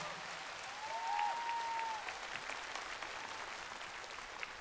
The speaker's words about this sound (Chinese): 来，掌声谢谢艾略特，谢谢我们非常帅气的吉他老师，还有我们优秀的拉丁舞者蒋浩月。